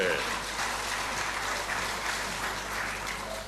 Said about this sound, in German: Ich glaube, ja, ein Applaus für die Dame hier vorne. Jawohl.